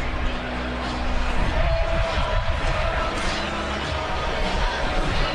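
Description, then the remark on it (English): A steady, diffuse murmur of a large outdoor crowd at a football game in Langford on a sunny, very windy day of 19 degrees fills the background, even, with no individual voices standing out and a faint windy hiss underneath. “Good crowd on a beautiful day here in Langford.”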